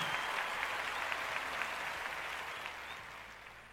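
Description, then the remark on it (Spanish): Steady audience applause for the Filarmónica de Mendoza, a dense wash of many hands clapping at full strength, slowly tapering off toward the end with no voices over it. “fuerte el aplauso.”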